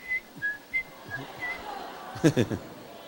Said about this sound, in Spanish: Ahí ya empecé a silbar en la cara de los ancianos.